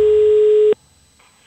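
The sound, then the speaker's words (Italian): A loud, steady telephone line tone from a prank phone call holds a single mid pitch for under a second, then cuts off abruptly, leaving near silence with a couple of faint soft clicks. “Ci sta ogni tanto cazzeggiare così con solo dei versi, tipo vi faccio sentire questa telefonata, la prima, a me fa morire.”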